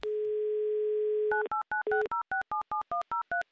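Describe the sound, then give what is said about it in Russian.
A steady telephone dial tone hums for over a second, then gives way to a quick run of about a dozen crisp touch-tone dialing beeps in even rhythm, loud with no talking, as the game show Автомобиль за улыбку calls a player in Zheleznogorsk, Kursk region. “Гудки пошли”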